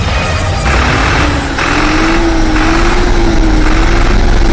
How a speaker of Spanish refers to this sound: Señor presidente, aquí está el tractor que usted nos dio. Está trabajando y con toda nuestra gente.